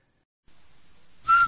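After a stretch of faint hiss, a loud, clear whistled note suddenly rings out near the end, the start of the short Rinso radio jingle whistle, with no one talking.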